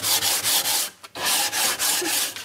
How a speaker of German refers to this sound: Während bei dem feinen Papier hast du eine Zahl 320. Das ist viel mehr und entsprechend feiner sind die Körnchen. Je höher die Zahl, desto mehr Körner sind auf einem bestimmten Bereich und dann kann man damit auch feiner schleifen.